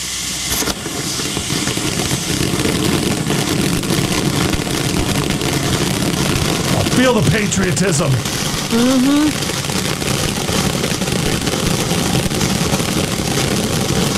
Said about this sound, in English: Oh, that's a finale firework right there. Isn't it, though? And that also lasts, I'm not kidding, 2 minutes and 40 seconds. Is this on the street? This is on the street.